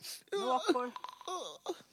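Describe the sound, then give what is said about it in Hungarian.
A human voice imitates the sobbing of a crying elephant, with quavering, wavering wails broken into short bursts over about two seconds, moderately loud. “Zokogta az elefánt. Olyan egyedül vagyok!”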